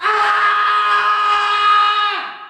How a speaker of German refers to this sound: schreit in der Nacht.